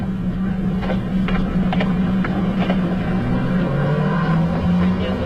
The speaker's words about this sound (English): Soon, all the sounds of the day are fading away. The footsteps down the street. The last cars turning the corner in the distance.